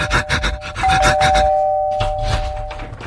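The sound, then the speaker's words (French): A man rings his neighbour's doorbell: a sustained electronic tone over a busy background of rhythmic scraping and rubbing noises, the chime holding steady for over a second before fading. “Alors il court chez son voisin. Il sonne.”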